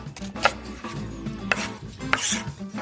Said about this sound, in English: So next, we are going to mince up some garlic and slice up some onion. We're gonna dice up the onion pretty small because remember, we're gonna fold this into our potato mash batter.